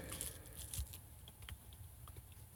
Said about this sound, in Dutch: Maar dit, nou ja, laten we een hap nemen. Ja, neem een hap. Oké, 3, 2, 1.